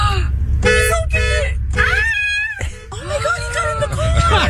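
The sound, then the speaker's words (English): A car horn honks in irregular short bursts and one longer sustained blast, loud, as bears inside the car bump the horn, with excited voices reacting in the background. “Yeah, they're bumping the horn while they're in there.”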